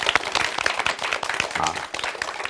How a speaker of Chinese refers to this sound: 再次用热烈的掌声欢迎姚教授。